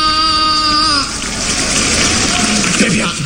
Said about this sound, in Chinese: 别鼓掌，这多难为情啊！